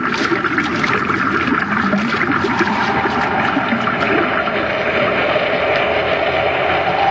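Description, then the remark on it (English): Water gushes steadily through a pipe, forced in by reversed pumps into a shaft as the water level rises against its wall; a loud, continuous rushing and churning with a faint gurgling texture, unbroken throughout, with no voices. “That pipe isn't drawing water out, it's forcing it in.”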